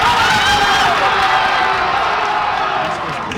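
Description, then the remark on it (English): A loud, sustained roar of a crowd of soccer fans cheering and shouting together at a World Cup watch party in Northeast D.C., with overlapping excited voices forming a dense wall of noise throughout. “was with soccer fans today at a World Cup watch party in Northeast D.C.”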